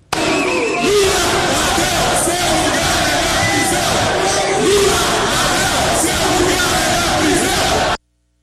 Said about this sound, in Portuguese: Vídeos que circularam nas redes sociais mostram a ex-presidente caminhando por corredores e, ao fundo, gritos, vaias e também cantos de apoio a ela.